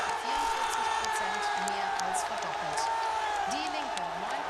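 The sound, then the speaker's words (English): A dense election-night crowd in Saxony-Anhalt, Germany, roars and cheers continuously as results show the AfD topping the polls, with scattered whoops and shouts rising above a steady wall of noise, loud throughout. “The crowd here is going crazy as everyone tries to figure out exactly what it means for Saxony-Anhalt, but for Germany as well.”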